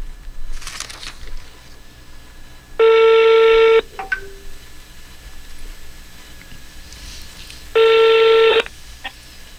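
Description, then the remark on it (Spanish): A telephone call from a radio show to a listener in Quito goes through: two loud, steady electronic tones, each lasting about a second, separated by several seconds of quiet background hiss, like a line ringing out. “Llamada telefónica.”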